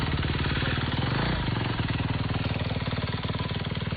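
A motorcycle engine runs, a loud, steady, rapid throbbing chug that holds for the whole stretch with a brief swell midway, and no voices; the motorcycle belongs to a volunteer rider helping move people during disaster relief.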